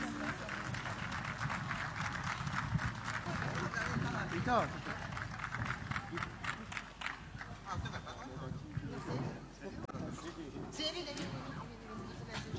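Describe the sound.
An audience claps steadily for about twelve seconds, a dense, crackling wash of many hands at an even loudness, thinning slightly toward the end, with some voices mixed in beneath.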